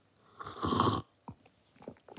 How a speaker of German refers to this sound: Ich stehe in der Küche und schlürfe schon die dritte Tasse Kakao.